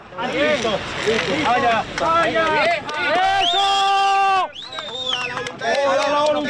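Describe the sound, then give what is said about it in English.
A crowd cheers and shouts loudly as a woman is pulled alive from earthquake rubble in La Guaira and placed on a stretcher, with many overlapping voices, some rising into long, high sustained yells, breaking briefly before the clamour picks up again. “You can hear the cheers as she's pulled out and placed on a stretcher.”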